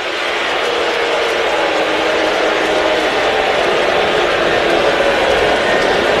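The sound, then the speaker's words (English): A baseball stadium crowd reacts with a loud, sustained roar of massed voices and noise as Dan Wilson comes out of the dugout toward pitcher Logan Gilbert, who has a one-hit shutout going; the roar holds steady for the whole stretch, with no individual voice standing out. “And the crowd letting Dan Wilson hear it.”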